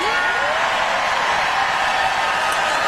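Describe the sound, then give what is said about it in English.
A crowd cheers and roars after Adam Carolla's land acknowledgement line, a steady, dense wash of noise for about three seconds, with a single rising whoop or whistle at the start. “Just let the crowd cheer a little bit.”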